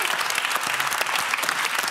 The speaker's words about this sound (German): Da solltet ihr alle mal ganz laut klatschen.